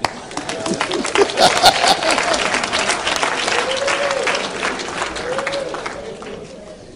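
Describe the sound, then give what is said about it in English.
An audience breaks into loud, sustained applause on the speaker's call to clap, swelling quickly and carrying on steadily for several seconds, with a few voices calling out over the dense clapping. “Never trust a salesman who don't use what he's selling. Clap.”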